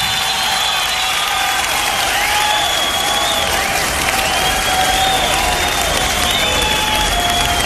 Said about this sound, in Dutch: Ook weer volop applaus